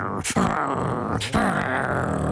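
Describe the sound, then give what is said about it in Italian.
Cerberus, the three-headed dog guarding the underworld in the tale of Orpheus, gives a deep, rumbling, loud growl, with two harsh snarling bursts breaking through the continuous throaty snarl. “E Cerbero ringhiava con le sue tre teste.”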